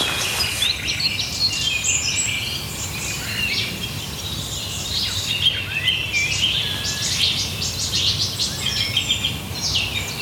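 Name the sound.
nightingale song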